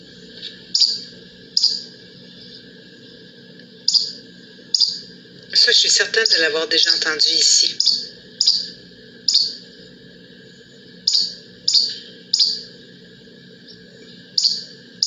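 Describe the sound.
A flycatcher repeats a short, sharp song phrase over and over at a steady pace, clear. A woman speaks briefly partway through while the bird keeps singing.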